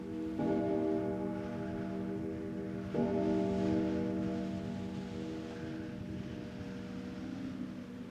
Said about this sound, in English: It seemed as if the clock were measuring out the remaining minutes of their lives. We will not be alive to hear that sound ever again. The tolling of midnight.